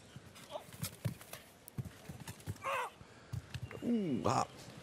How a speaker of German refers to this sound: Denn Schlussreiter ist der Argentinier José María La Roca mit Chris. So, der kommt da eigentlich relativ leicht an mit 6 Galoppsprüngen.